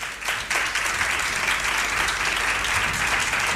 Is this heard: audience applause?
yes